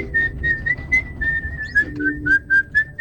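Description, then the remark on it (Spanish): A clear, steady whistled melody from a film soundtrack, of long, sustained notes that glide slightly in pitch, played over soft low background music with light rhythmic accents. “Vos escuchaste ese silbido y es Kill Bill.”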